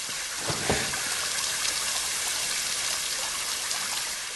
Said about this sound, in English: A pipe sprays water, damaged from a spell.